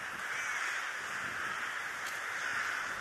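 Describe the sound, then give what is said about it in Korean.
A huge flock of rooks caws in a continuous, overlapping din, the massed calls blending into a steady roar with no individual pauses and no voices, as the birds begin entering their bamboo grove roost in Ulsan. “이제 때까마귀가 잠자리인 대숲으로 들어가기 시작하는데요.”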